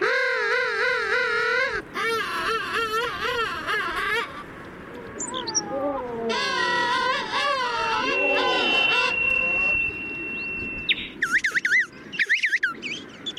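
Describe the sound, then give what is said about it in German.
King penguin calls: loud, overlapping trumpeting warbles from several birds, rising and falling in pulsing bursts, like a busy colony, with a brief steady whistle near the end. “Aber naja, bislang hat er noch nicht so richtig viel zu befürchten, der Königspinguin.”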